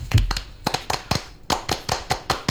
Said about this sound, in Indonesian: Pramuka. Tepuk Pramuka.